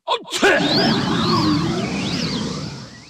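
A giant's huge, exaggerated sneeze after a tree branch is poked into his nostril: a quick catch of breath, then an explosive blast that trails into a long, loud rushing whoosh, with warbling tones fading over about three seconds.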